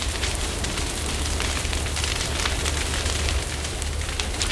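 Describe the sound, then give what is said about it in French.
A wildfire burns with a steady, dense roar and a low rumble, while sharp crackles and pops of burning vegetation snap through it continuously. No one speaks. “Mais aussitôt, c'est de l'autre côté du chemin qu'une autre flamme apparaît.”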